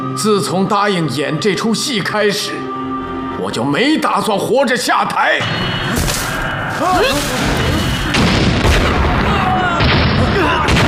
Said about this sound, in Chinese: 怎么回事？ 爆炸了！